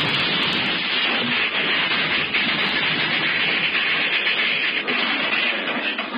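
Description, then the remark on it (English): A train engine runs in a steady, unbroken, loud roar, with a dense hissing rush over a low rumble and no voices. “You mean if that engine gets any further?”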